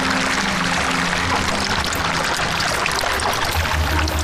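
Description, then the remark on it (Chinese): Chicken broth pours steadily into a spicy-paste (la hu hu) hotpot to blend it, a loud, continuous splashing gush that holds its level for the whole few seconds, with a faint low hum underneath and no voices. “无论香料如何变化，最终用鸡汤来调和是辣糊糊火锅必不可少的步骤。”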